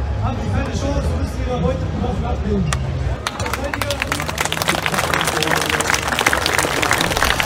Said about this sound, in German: Die Zuschauer hinderte es nicht daran, lauthals zu applaudieren.